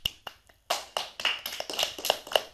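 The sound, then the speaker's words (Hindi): Applause from an audience at a children's programme after a child sang a Shiva bhajan: a few scattered claps at first, then a steady run of sharp, bright hand claps overlapping at a brisk, uneven rhythm. No voices are heard. “तालियां बहुत अच्छा। हो जाएं।”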